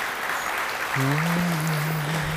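Steady audience applause for musicians who have just performed, a dense wash of clapping throughout, joined partway by a sustained low voice-like tone holding over the clapping until the end.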